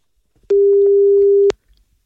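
A single steady telephone ringing tone of a call placed by Radio Ognjišče to a listener sounds for about a second, a loud, pure mid-pitched beep with abrupt start and stop, surrounded by near silence.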